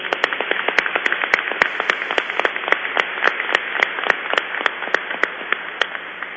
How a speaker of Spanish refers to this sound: Les damos una bienvenida con un fuerte aplauso.